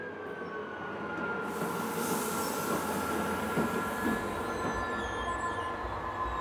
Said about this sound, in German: Die älteste Lok aus dem Betriebswerk springt ein, um die moderne E-Lok zum Zug zu bringen.